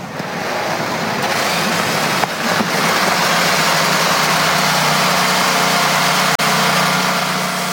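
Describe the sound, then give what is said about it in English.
A field of NTT IndyCar Series race car engines starts up in the Motor City on the command of General Motors CEO Mary Barra, then rumbles and idles together in a loud, steady roar, the blended noise holding constant with only a brief dip near the end and no voices. “Live from the Motor City, drivers, start your engines.”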